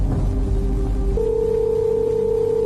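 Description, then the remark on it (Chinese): A steady electronic telephone tone sounds through a phone line, stepping up to a higher pitch about halfway through, over a low rumbling background with no one speaking. It is a call to an elderly person living alone that goes unanswered. “电话那头始终传来无人接听的提示音”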